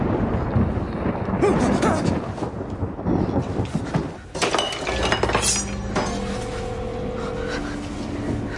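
A thunderstorm rumbles steadily with rain-like hiss, then a sharp thunderclap cracks out midway, followed by a sustained low drone and lingering storm noise. No one speaks.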